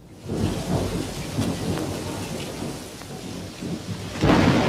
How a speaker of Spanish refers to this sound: Salgan, muchachos, que parece que el río quiere crecer otra vez. Está lloviendo nuevamente.